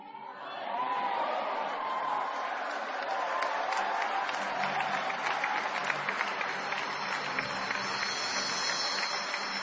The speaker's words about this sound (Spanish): Oh, sobre tu cabeza, dale un mejor aplauso al Rey de Reyes y Señor de Señores.